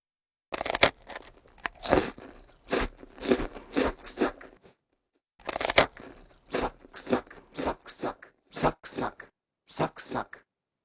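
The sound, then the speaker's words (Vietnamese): Close, crisp crunching from someone biting and chewing crunchy food, a quick series of crackly bites, a brief pause, then another run of crunches. “Chỉ cần cắn một miếng là đã nghe giòn tan.”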